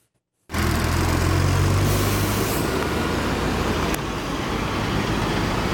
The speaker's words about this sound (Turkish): Abi korkuyoruz çünkü üstünden tonlarca araba geçiyor. Zaten köprü de gördüğünüz gibi Allah'a emanet. Tehlike yaratıyor yani.